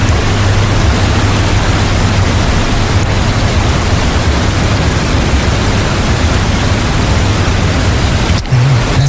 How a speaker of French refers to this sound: C'est une cascade. Qu'est-ce que ça fait du bien. Ça détend, ça relaxe.